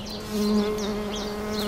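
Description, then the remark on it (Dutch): A bumblebee buzz-pollinating a flower, vibrating its wings to shake pollen from the anthers, buzzes steadily: a sustained droning hum that swells slightly partway through, with faint bird chirps in the background and no talking. “Dat is een hele bijzondere manier die hommels gebruiken om het stuifmeel uit de helmhokken te trillen.”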